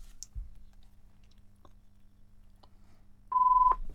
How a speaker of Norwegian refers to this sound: Det ringer.